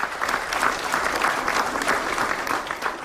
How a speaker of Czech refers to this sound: Pro diváky to bylo mimořádné setkání a ukrajinské delegaci ve vyprodaném sále tleskali dlouhé minuty.